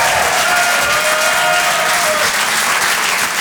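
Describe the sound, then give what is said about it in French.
An audience at the Rire et Chanson Comedy Club applauds loudly and steadily for a comedian, a dense wash of clapping hands that holds at full strength for a few seconds without any voices breaking through. “Et je vous demande d'applaudir très très fort, s'il vous plaît”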